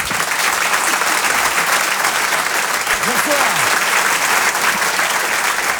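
Loud, sustained audience applause fills the space, a dense wash of clapping from a large crowd with a few faint cheers or whoops rising briefly through it.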